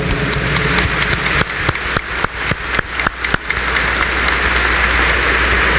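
A crowd applauds warmly, welcoming Dom Mário Antônio, metropolitan archbishop of Aparecida, with the deacons and concelebrating priests. The clapping is dense and continuous, with several sharper individual claps standing out in the middle, and it stays loud and steady throughout with no voices.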